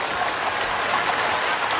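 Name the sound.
applause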